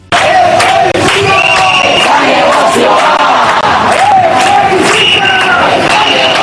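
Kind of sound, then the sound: crowd, protesters shouting slogans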